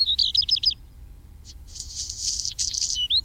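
A black redstart sings: a quick burst of high, rhythmic notes, a short pause, then a longer scratchy, crackling phrase ending in a thin whistle, over faint low background rumble.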